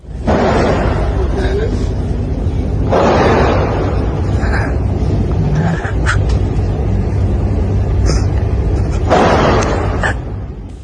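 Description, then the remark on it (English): Three loud gunshots, fired by a boy at a school on the outskirts of Bangkok, crack out several seconds apart in a classroom, filmed on a student's mobile phone, over a constant rough phone-recording hiss, with gasps and hushed murmuring voices between the shots. “Three shots, and you could also probably just hear there the gasps.”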